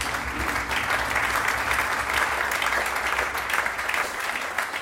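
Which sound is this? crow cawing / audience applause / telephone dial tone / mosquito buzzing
audience applause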